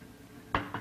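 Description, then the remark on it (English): One volume of liquid mercury is poured into one of two cylinders on a balance, heard as two short, bright clinking hits about a fifth of a second apart against a quiet background. Nobody speaks. “Here is one volume of mercury, which I'm going to pour into one of these two cylinders, approximately balanced.”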